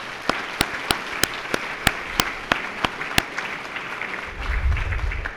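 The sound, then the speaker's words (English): An audience gives a round of applause for those who participated: a dense wash of many hands with one set of sharp, steady claps standing out on top in an even rhythm. The clapping thins and fades as it ends. “But anyway, for all of those that participated, I'd like to ask that we all give them a round of applause, please.”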